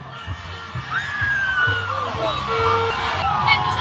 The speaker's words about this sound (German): Um genau zu sein, sind es 2 Busse, die hier direkt hintereinander vorbeifahren. Die Stimmung ist hier immer noch und jetzt erst recht ausgelassen.